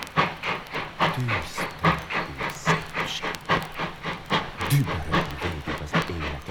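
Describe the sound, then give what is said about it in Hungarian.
A steam train chugs along with steady, rapid chuffs and a hissing rush, loud, its rhythm driving on without pause and no voices present. “Versekben énekel, ahogy lát, birkózva az ölelő szélrohamokkal és hófúvással, amint nappal füttyentve rohansz tovább.”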